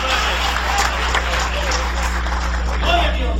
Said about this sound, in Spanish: ¿Cuántos creemos en el Espíritu Santo? Dale un aplauso de poder al Espíritu Santo esta noche. ¡Aleluya!